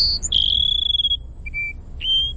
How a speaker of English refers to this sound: All right, that's the Cassin Sparrow.